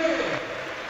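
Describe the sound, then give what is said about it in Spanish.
A stadium crowd at Levante's Ciutat de València applauding as captain Brugué is substituted off for Paco Cortés, a dense, steady wash of clapping and cheering filling the whole brief moment at an even, moderate loudness. “Aplausos para Brugui.”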